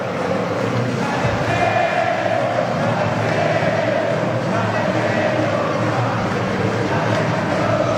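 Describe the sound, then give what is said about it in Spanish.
A dense stadium crowd of Cerro fans celebrating the club's championship roars steadily for the whole stretch, many voices shouting, jumping and chanting together in a loud, continuous wash with no single speaker standing out. “pero sin duda la gente que sigue gritando, sigue saltando, cantando.”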